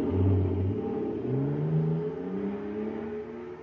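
The engine of an atomic fire control jet car, supercharged with super fuel, revs up and accelerates, its droning pitch climbing steadily in a continuous roar with no voices over it.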